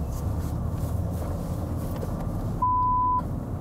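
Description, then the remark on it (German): A single steady, pure-toned censor bleep in a TV report, covering a customer's name, lasts about half a second and cuts in near the end, loud over a constant low rumbling background noise. “Warum es piept? Weil viele Kunden ihren Namen nicht im Fernsehen hören wollen.”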